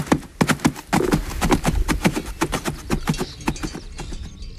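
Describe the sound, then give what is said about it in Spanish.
Hooves of working animals clip-clop in a brisk, steady rhythm, a rapid series of sharp knocks on a hard surface that runs throughout and grows slightly fainter toward the end. “Y la muela, cuando cada pueblo molía su propio grano, o los cascos de los animales de labor.”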